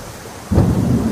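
After a brief quiet moment, a deep rumble of thunder rolls in abruptly over a steady wash of rain, loud, with no voices.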